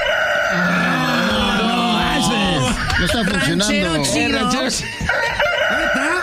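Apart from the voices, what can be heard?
rooster crowing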